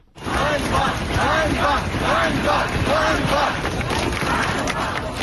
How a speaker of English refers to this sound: You can hear people shouting shame there. That's on the streets of Kyiv, but there have been other demonstrations in Lviv, Kharkiv and Dnipro as well.